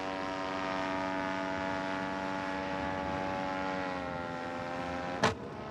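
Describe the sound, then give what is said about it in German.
A light propeller plane flying over the delta drones steadily for several seconds, then a single sharp crack bursts out near the end as the engine cuts out, forcing an emergency landing, while the engine noise carries on more faintly. “Ein Krachen und der Motor ist aus. Ben muss notlanden.”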